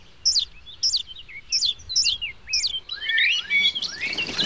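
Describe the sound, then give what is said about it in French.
Tiny, pink, naked blackbird nestlings call for food: five shrill, high chirps repeat at a steady beat, then swell into a busier jumble of overlapping begging calls, with no talking. “Ils réclament. Ils n'arrêtent pas d'appeler.”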